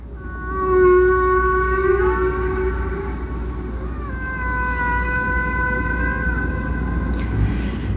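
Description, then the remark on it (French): Humpback whale song recorded off Hawaii in the 1960s by the US military and sent into space on the Voyager probe: long, drawn-out tonal moans that glide slowly in pitch, two extended calls heard alone over a steady, rumbling underwater hiss. “Ça, ce sont des chants de baleines de Hawaï, envoyés dans l'espace par la sonde Voyager, un enregistrement effectué dans les années 60 par les militaires américains.”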